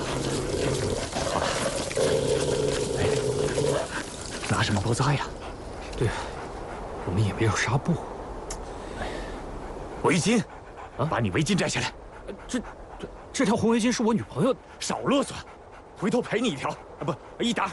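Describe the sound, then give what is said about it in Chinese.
An injured three-legged wolf whimpers and growls in strained, uneven bursts, with heavy panting between cries and people talking over it at moments, as its wound is treated with Moutai liquor as a disinfectant. “三腿狼啊，你忍着点啊，不处理一下。”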